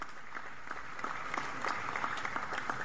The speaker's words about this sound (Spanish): Un aplauso para los puertos que se han puesto la camiseta por Buenaventura.